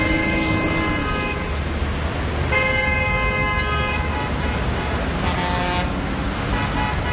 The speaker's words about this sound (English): The bus ride ended by the edge of a dusty road. Cars and trucks and motorcycles poured past with much honking.